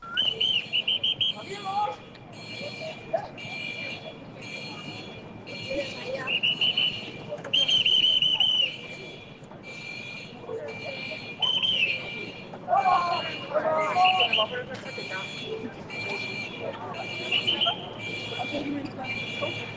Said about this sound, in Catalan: el moment en què al Port Vell de Barcelona sonava l'alarma al principi, tot això és a prop del Mare Magnum, sí. Que avisa, atenció, que el terra es desplaçarà. És aquell moment abans que passi.